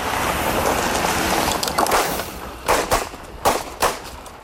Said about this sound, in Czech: A jen upozornění, na začátku reportáže zaznějí výstřely, aby vás to nevylekalo.